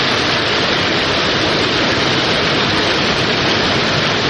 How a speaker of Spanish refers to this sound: El gran caudal de agua que no cesa en Avenida José Moreno entre Avenida Pedro Goyena y Valle. Todavía no se logró desahogar el pozo ni cambiar las válvulas. Se cree que el lago que se formó podría persistir hasta el mediodía.